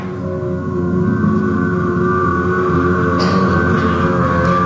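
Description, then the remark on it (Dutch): A tram hums steadily and loudly, its motor drone holding even throughout, with a few faint clatters and shuffles midway as people walk out of the tram. “We lopen nu de tram uit, op weg naar de locatie waar we ritueel afscheid gaan nemen van de boeken die echt nooit zijn uitgeleend.”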